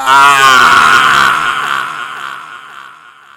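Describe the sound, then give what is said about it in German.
A loud, strained human scream of pain bursts out at full strength, then gradually weakens and trails off over about three seconds, with no other voices around it. “Der schmerzerfüllte Schrei weckte mich.”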